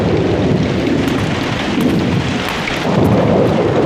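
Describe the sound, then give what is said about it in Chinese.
Heavy rain pours steadily and loudly outside, a dense continuous roar with a deep low rumble underneath and no break for the whole stretch; no one speaks. “外面在下雨，你这是要出去啊？”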